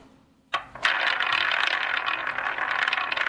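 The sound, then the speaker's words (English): A headphone cord being fiddled with: after a short click, a steady rattling and scraping runs continuously to the end, fairly loud, with no voices. “And Dad's having lots of fun with the cord to his headphones.”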